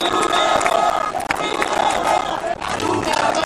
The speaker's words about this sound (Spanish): con banderas de España y Ceuta, todo un clásico, con cánticos de forma de insultos hacia Pedro Sánchez o gritos de viva Ceuta, viva España, repetidos además por momentos.